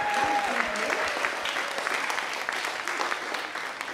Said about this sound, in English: Before I begin, a very loud applause, please, for these two amazing...